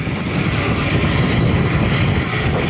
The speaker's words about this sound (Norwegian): I Kongo fortsetter smittebekjempelse. I byen Bunia lastes det paller av et fly som har kommet fra EU. Kartongene fordeles på lastebiler som skal ta utstyr med til frontlinja i Ebola-kampen.